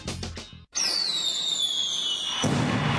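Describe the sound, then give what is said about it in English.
Fireworks go off: a quick crackle of bursts, a brief pause, then a long whistling rocket falling in pitch before a loud burst and sizzling crackle. “The Faber Area Fireworks Committee is celebrating America's 250th birthday at dark between 9:30 and 10 tonight in the Faber City Park at the soccer fields.”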